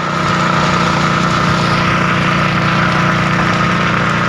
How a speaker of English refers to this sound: When she opens her door, the smoke from the burning trees and brush is thick, and the fire trucks extinguishing these fires keep coming.